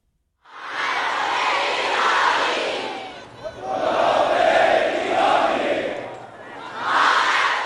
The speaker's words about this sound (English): There was chest beating and chants of revenge, revenge, with red flags carried by many in the crowd, a symbol of that emotion in Shiite Islam.